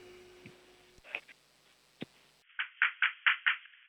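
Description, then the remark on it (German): A 6-year-old child in Vienna knocks loudly on his front door for a radio show, as the home has no doorbell: a quick series of five loud, evenly spaced knocks, preceded by a couple of scattered softer taps against a faint background hiss. “Okay, dann musst du zur Tür gehen und anklopfen, aber so richtig laut.”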